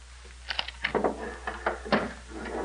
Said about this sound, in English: Come into the next room. Close the door, Poltar.